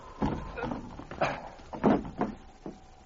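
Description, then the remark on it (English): Someone clambers in through a store window whose hide has been cut: a series of wooden knocks, scrapes and thumps spread unevenly over a few seconds, like a frame and sill being bumped while climbing through. “I'll get through this window.”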